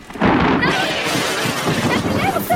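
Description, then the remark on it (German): A lightning strike crawling across the ground up to a telephone booth bursts in with a loud, sharp crack, then sustains a harsh, sizzling crackle and rumble for a couple of seconds, with faint whistling tones streaking through it. “Der Blitz ist über den Boden gekrochen. Bis an unsere Telefonzelle.”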